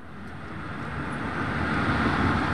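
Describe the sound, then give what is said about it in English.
A steady wash of road traffic beside a busy main road in Shenzhen, southern China, a continuous whooshing hum that swells slightly louder as vehicles pass, with no voices. “Standing beside the main road in Shenzhen, you almost forget you're in a city of some 20 million people.”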